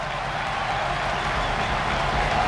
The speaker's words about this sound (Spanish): Triple cambio. Pues se va. Sí, van a entrar el Montero, va a entrar Pulido, va a entrar Dani Rodríguez, sí, cuádruple cambio, y va a entrar, ojo, Álvaro Morata, ahí está la ovación.